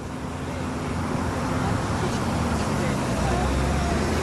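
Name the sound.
city street traffic noise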